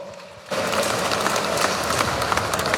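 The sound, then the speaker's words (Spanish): After a brief hush, a crowd in Cochabamba breaks into loud applause welcoming the secretary general of the Free Transport Federation of Cochabamba: a dense, crackling wash of many hands clapping that stays steady and strong until the end. “Un fuerte voto de aplausos.”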